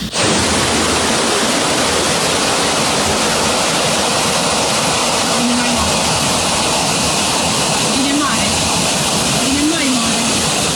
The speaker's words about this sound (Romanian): În imaginile publicate de martori pe rețelele de socializare, se vede cum mașinile sunt luate de apele puternice.